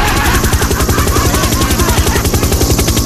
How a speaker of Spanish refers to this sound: pasó el helicóptero y se subió la señora y la niña se quedó en el auto.